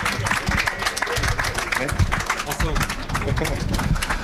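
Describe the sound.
An audience claps in a steady, dense patter of hand claps that fills the whole few seconds at even loudness, with some voices mixed into the noise.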